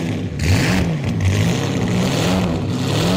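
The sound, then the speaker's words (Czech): A car engine revs as the accelerator is pressed, its steady, loud mid-pitched drone rising and falling in pitch over a few seconds, with no voices. “Poslouchej, když se šlápnu plyn,”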